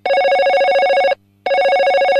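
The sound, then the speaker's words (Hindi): A loud telephone rings for an incoming listener call on the FM Guna radio request show, in two bursts, each a rapid trilling bell with a brief pause between, clear with no voices. “इस कार्यक्रम का आगाज करते हैं पहले फोन कॉल से। आइए देखते हैं हमारे कौन से श्रोता इस समय लाइन पर हैं।”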